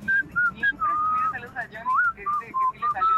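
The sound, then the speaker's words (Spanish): A person whistles a short melodic tune, the notes gliding and wavering between phrases, with faint background murmur underneath. “mándenme su silbido del Goose Club, baby”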